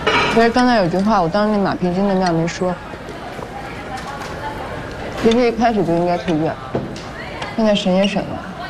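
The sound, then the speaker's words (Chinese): A busy canteen at mealtime, serving braised pork today, with scattered clinks of dishes and cutlery and a steady murmur of diners in the background, while people talk in the foreground. “先吃饭，今儿食堂有红烧肉。”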